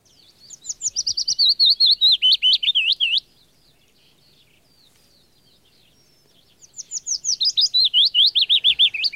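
A willow warbler sings two soft, descending phrases of high, sweet whistled notes, each trailing downward, separated by a few seconds of quiet. No voices are heard.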